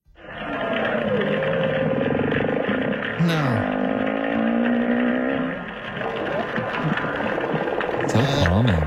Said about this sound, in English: That sounds horrifying again. I looked up whale noises and that's what came up. Yes. Apparently that's a whale song. Is it? Just kind of a sad one.